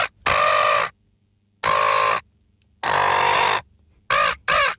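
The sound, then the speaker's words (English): A person imitates a seagull with loud, harsh squawking calls: three drawn-out cries with pauses between, then two quick short ones, with no talking. “doing a seagull in Bird Do You Do?”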